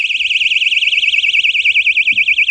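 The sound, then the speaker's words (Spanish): A personal safety alarm, a device that also has a flashlight, shrieks continuously after its battery safety catch is removed, sounding until it is put back in: a loud, piercing high-pitched tone rapidly warbling up and down in a steady, fast rhythm throughout, with no voices present. “Tiene una linterna para que puedas ver por la noche y si alguna persona, alguna chica se siente agredida, ahora suena hasta que lo vuelva a meter y suena mucho.”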